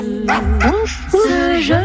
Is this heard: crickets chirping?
no